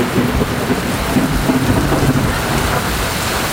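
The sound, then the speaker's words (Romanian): Torrential rain pours down in a dense, steady roar that fills the whole clip, loud, with a deep rumbling undertone like thunder beneath it, on the plateau at Vârful Omu in Romania, with mixed precipitation including graupel. No one speaks. “Plouă torențial pe platou, vârstezilor de peste 30 de minute, precipitații mixte.”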